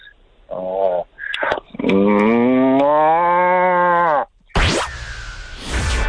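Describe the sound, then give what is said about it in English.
A radio contest winner imitates a cow's moo, first with a short low call and then a long, drawn-out lowing moo, loud, followed by a brief burst of noisy sound. “last thing I need off you is your best cow moo.”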